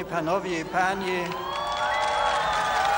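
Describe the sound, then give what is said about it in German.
A large crowd in Warsaw cheers and applauds Pope Benedict XVI loudly and steadily as he gives the first part of his address in Polish, many voices calling out together over a dense wash of clapping, with shouts rising in pitch toward the end. “Und der Beifall steigerte sich noch, als er den ersten Teil seiner Ansprache auf Polnisch hielt.”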